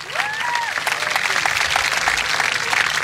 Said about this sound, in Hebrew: למפקד בית הספר לקצינים, סגן אלוף רוי, אשר מונה למפקד זירת דרום ויועלה לדרגת אלוף משנה בקיץ הבא. אפשר למחוא לו כפיים.